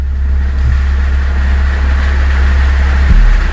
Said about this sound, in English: someone needs to fix that car.